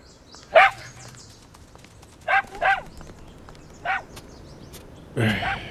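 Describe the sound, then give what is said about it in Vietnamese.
A dog barks several times in short, irregular bursts, a quick pair in the middle and a final rougher bark, over a low, steady background hiss. “Xin chào chú chó dễ thương. Nhóc nghĩ sao về ngôi nhà mới này hả? Nói đi.”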